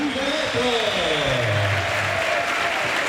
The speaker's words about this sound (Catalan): Sí, portava la vena, se l'ha tret, aplaudeix. Crits de Miguelete, a la grada.